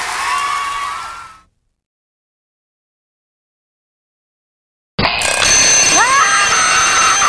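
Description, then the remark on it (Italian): After a brief tonal sound and a few seconds of silence, an alarm clock bursts into loud, shrill, continuous metallic ringing that runs steady until the end. “Risveglio drammatico? Il mattino non puntare la sveglia.”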